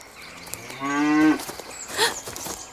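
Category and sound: animal, cow mooing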